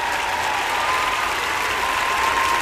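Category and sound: crowd, applause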